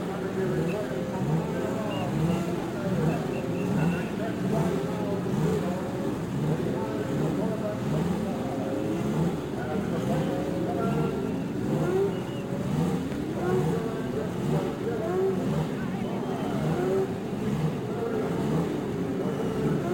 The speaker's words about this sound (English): And from the straightaway at Indianapolis, the sound of the racing engine as each car roars its challenge to another.